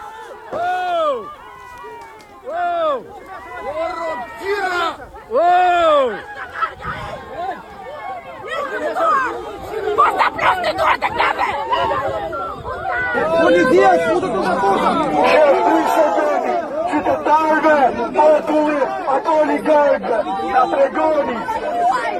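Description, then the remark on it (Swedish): Angry protesters shout over one another at a demonstration outside a fenced-off area bought by a private company and guarded by private guards, a dense crowd of raised, overlapping voices that starts in scattered bursts and swells into a continuous loud roar. “Det är upprörda människor. Ja, det är väldigt upprörda människor, och det de här demonstranterna skriker då”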